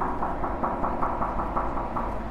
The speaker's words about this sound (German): ist auch Kunst, wenn die Sound macht. Vor allem, wenn man dagegen klopft.